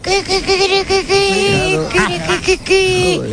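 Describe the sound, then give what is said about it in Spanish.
A woman on Basque regional television (ETV) imitates a hen, voicing a quick run of clucking bursts that break into a longer, higher squawk, loud and alone with no other talk. “Una gallina.”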